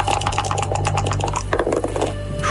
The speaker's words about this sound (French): On va lancer les dés quand même. Lancement de dés.